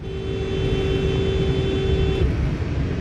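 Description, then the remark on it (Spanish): A car horn blares in one long, steady blast lasting about two seconds, loud, over a constant rumble of road and engine noise that continues after it stops, as a following driver warns an erratically zigzagging driver on the streets of Roseville, California. “El conductor que vigila le toca el claxon como advirtiendo sobre su zigzagueo errático.”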